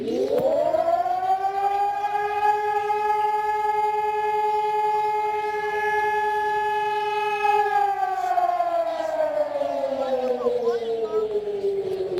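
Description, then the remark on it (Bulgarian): A civil defense siren, sounding across all of Bulgaria during a commemoration ceremony, winds up to a loud, steady howl, holds the tone for several seconds, then slowly winds down in pitch, sounding continuously throughout with a faint murmur beneath. “Левски и всички загинали за свободата на България под звука на акустичния сигнал от сирените в цялата страна.”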